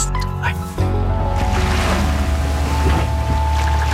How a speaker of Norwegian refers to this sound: Vi starter med litt hav og båt. Lyder her, en skute som seiler på havet.